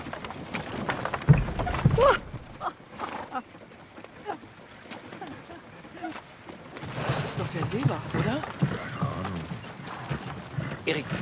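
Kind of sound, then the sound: animal, horses' hooves clip-clopping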